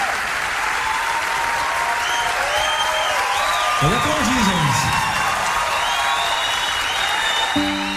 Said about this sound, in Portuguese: nossos aplausos ao …, que me acompanhou.